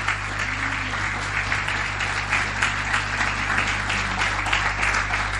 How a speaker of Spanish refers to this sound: ¿Cuánto le dan un aplauso al Señor en esta mañana? Un aplauso a su palabra.